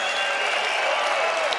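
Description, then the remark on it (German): Steady, dense applause from an audience for a band at the end of their performance, a continuous wash of clapping hands at even loudness throughout, with no voices standing out. “Das ist euer Applaus.”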